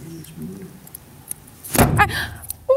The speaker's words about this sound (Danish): En saks. Jeg har en lille saks her. Jeg lover, jeg er meget forsigtig, Pluto. Jeg lover det.